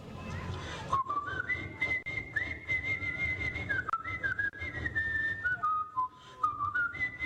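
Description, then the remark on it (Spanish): A lively porro melody whistled by a grandfather while the grandparents pound rice. The clear tone steps up and down in quick phrases for about six seconds over a low, murky background hum. “Ellos pasaban pilando y él pasaba chiflando porro.”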